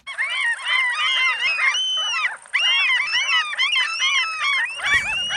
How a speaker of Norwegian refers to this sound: Når jeg spiller disse måkelydene her, så tenker sikkert noen av dere på sommer og sjø og ferie, fred I sjela og hvilepuls. Andre får sikkert høypuls og tenker måkeangrep, bæsj I håret og frekt mattyveri på høylys dag.